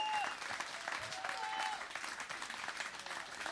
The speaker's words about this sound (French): C'était …, vous pouvez l'applaudir